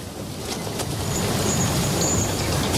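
Steady, loud rumbling of an old, limping railway train rolling along the rails, a dense low clatter filling the whole stretch with a faint high squeal drifting above it. No voices.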